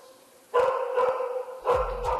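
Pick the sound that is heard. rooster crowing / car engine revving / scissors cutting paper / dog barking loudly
dog barking loudly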